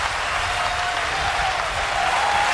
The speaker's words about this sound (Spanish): Parece que tendríamos que aplaudir en conjunto, pero también individualmente a mis compañeros